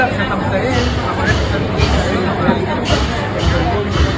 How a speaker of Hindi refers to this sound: अरे ये तो बहुत बड़ी शोभा यात्रा है, कितनी भीड़ है। हाँ बेटा, ये शोभा यात्रा पास के बौद्ध विहार जा रही है, तो हम भी चले।